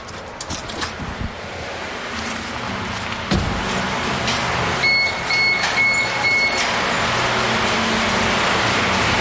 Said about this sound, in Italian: Quando arriviamo alle sorgenti, il livello del fiume è minimo. Il fontaniere Mirko Negri ci apre e si inizia a sentire scorrere l'acqua.